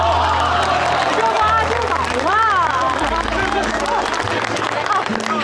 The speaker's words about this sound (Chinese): 多亏了这位女同志，要不然这人贩子呀就得逞了。让我们给这位沉着机灵有胆量的女同志鼓鼓掌。